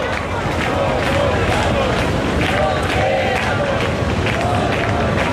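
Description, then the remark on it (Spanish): A large crowd in the Puerta del Sol chants the protest slogan "nos quedamos, no nos vamos" in unison, loud, rhythmic shouting repeated over a constant roar of voices and babble, with rising and falling cries cutting through the noise. “La Puerta del Sol, de momento, el grito es: nos quedamos, no nos vamos, justo en el momento en el que se ha aprobado la derogación de ese primer decreto, que decae desde este momento”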